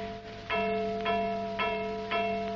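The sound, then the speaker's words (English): An automatic alarm gong in a laboratory rings in steady, evenly spaced strikes, four loud metallic clangs about half a second apart, each leaving a sustained ringing tone that overlaps the next, with no voices. “Hey, who's ringing that alarm gong? No one. It is automatic.”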